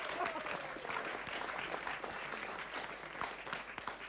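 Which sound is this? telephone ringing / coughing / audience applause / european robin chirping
audience applause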